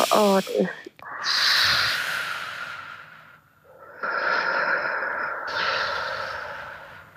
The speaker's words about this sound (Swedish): Och så kollar du upp i taket. Jag gör det här i studion också. Och så ut. Så långsamt du kan. Upp i taket och så långsamt utandning du kan.